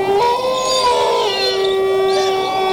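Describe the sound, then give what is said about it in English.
Several long, sustained wolf howls overlap in a steady, wavering chorus, fairly loud, with no talking. “It sounds like there's a whole pack of them on the roof by the chimney hole.”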